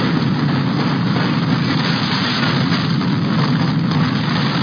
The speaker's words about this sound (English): A home was flattened and two people trapped in their basement when a funnel cloud roared through a field in St. Liberty, Nebraska this weekend.